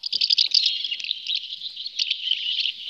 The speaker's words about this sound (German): Das sind die Laute, die Mehlschwalben von sich geben. Mehlschwalben sind bei einer Online-Abstimmung der Naturschutzverbände NABU und LBV zum Vogel des Jahres 2027 gewählt worden.